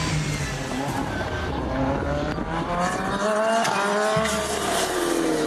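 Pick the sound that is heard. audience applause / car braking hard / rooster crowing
car braking hard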